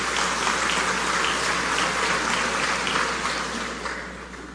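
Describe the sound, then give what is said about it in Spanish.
Sustained applause from graduates, teachers, families and guests at the 82nd graduation ceremony of the Universidad Católica del Cibao in the Dominican Republic, a dense, steady wash of clapping that holds for several seconds and then begins to fade slightly toward the end. No one speaks over it. “Invitados especiales, repito, graduandos, docentes, familiares que nos acompañan, un aplauso grande nueva vez para ustedes.”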